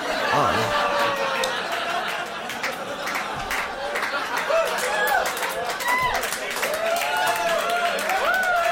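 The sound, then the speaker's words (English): A crowd reacts loudly with scattered clapping, whoops and laughter blending into a dense, steady roar of many voices that lasts throughout. “Some people clapped. Some people cheered.”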